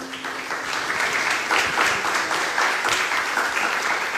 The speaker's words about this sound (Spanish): Que se escuche el aplauso para ambos.